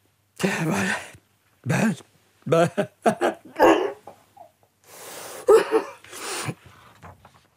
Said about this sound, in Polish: A cóż tak strasznie kichasz? Zakatarzyłeś się. A co tu pytać? Przecież słyszałaś.